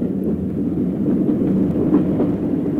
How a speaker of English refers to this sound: As the train slackened speed approaching Euralla station, I braced myself, preparing to jerk the door open and jump out as the carriage came abreast of the platform.